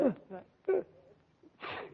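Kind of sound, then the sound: human body sound, sneeze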